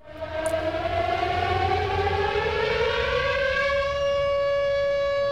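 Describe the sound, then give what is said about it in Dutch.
A loud, sustained siren tone slowly rising in pitch, steady and continuous throughout with strong harmonics, sounding like an air-raid warning wail with no voices, heard on the VPRO radio programme Het Gebouw on Hilversum 2 in 1985, on the day the Lubbers cabinet decided to place 48 cruise missiles in the Netherlands. “U hoort een sirene. Dat is geen toeval.”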